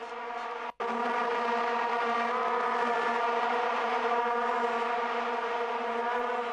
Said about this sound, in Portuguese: A Vuvuzela, gente, é o maior símbolo cultural das torcidas de futebol na África do Sul e se popularizou no mundo depois da Copa de 2010. Aqui no Brasil, qualquer esquina você tá achando uma Vuvuzela agora, né?